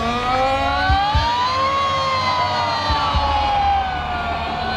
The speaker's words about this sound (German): Es wäre lässig, wenn ihr jetzt bei dieser Sirene, bei diesem Alarm alle mitsingen oder mitschreien.